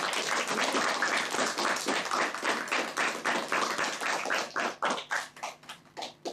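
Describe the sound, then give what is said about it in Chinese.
A class claps in a dense, steady burst of applause welcoming the Zhuhai culture presenter, gradually thinning out into a few scattered, separate claps before ending. No one speaks. “好，我们首先掌声欢迎珠海文化推荐官。”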